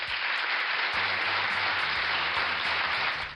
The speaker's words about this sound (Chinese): 说到这儿，我们是不是要给小浣熊一个大大的掌声呢？